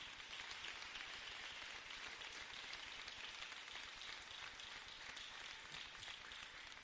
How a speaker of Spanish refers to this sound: Démosle un aplauso al Señor en este día.